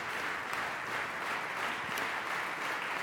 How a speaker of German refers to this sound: Und jetzt machen Sie Platz für Georges Petrou, den Dirigenten und Regisseur, der den Jubel der Menge genießen darf. Und jetzt auch seinem Orchester den verdienten Applaus zukommen lässt.